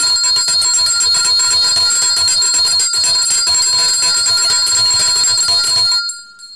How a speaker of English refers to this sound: Always we'll ring the bell to acknowledge the presence and show great gratitude to the one and only, the great King Jesus, for allowing us to be here on another beautiful day.